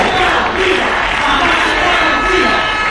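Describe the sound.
A large peaceful street protest of thousands of people in Ceuta roars steadily, many voices shouting and chanting together in a dense, unbroken wall of noise that stays loud for the whole few seconds.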